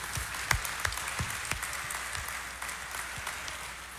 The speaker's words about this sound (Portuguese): E Nossa Senhora merece uma salva de palmas, né,